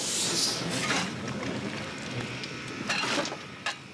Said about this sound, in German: Seit 120 Jahren fahren die Züge zwischen Putbus und Göhren. Der letzte Zug kommt 21.23 Uhr in den Bahnhof.